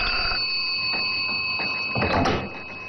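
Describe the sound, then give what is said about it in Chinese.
A telephone rings with a steady, trilling electronic tone, and near the end a brief clunk, like a handset being lifted, cuts through before the ring fades. “我马上给老赵打电话。”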